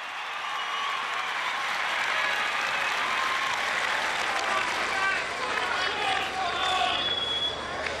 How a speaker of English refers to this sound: Simon Fairweather. Well, he's quick draw McGraw at the moment. He pulls the bow back, releases. 10! Another beauty, and the crowd rise.